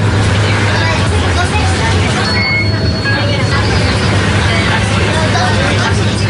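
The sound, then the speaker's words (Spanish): Inside a moving city bus in Barcelona at 11:06 at night: a steady, loud engine rumble and road noise fill the ride, a brief high whine rises midway, and passengers murmur indistinctly in the background. “Trayecto en autobús urbano por Barcelona.”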